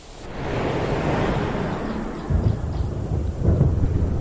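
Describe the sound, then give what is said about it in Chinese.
Rolling thunder rumbles continuously over a plain under dark, cloud-covered skies as the rainy season arrives on the dry savanna, deep and sustained, with two heavier low booms surging up near the end. No voices are heard. “乌云密布，雷声在平原上回荡。”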